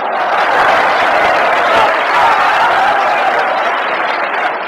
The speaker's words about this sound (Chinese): 从观众的掌声就可以看得出来，对你寄予极大的希望。